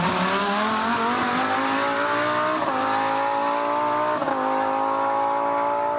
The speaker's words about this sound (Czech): Bude z nějakých závodů tohle. No jasně, to je závodák, to my poznáme. Přeci, pozor, 3, 2, 1, Formule 1.